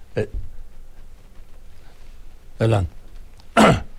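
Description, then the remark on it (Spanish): Someone sneezes in a few sharp, explosive bursts: a short one first, then two louder ones near the end, with brief quiet stretches between them. “No, fue un estornudo, aquí tengo mi Kleenex.”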